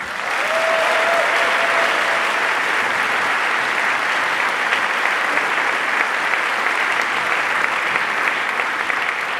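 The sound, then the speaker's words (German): Sustained applause from a large audience at the Volksbühne in Berlin for a choir, a dense, steady wash of clapping at even loudness for several seconds, with a brief faint whistle near the start. “Einen Applaus bitte.”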